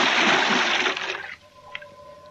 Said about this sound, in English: I adjusted my face mask, put my mouthpiece in my mouth, and blew out what water was in my hose. Then I tested the free flow of air from my tank and dove.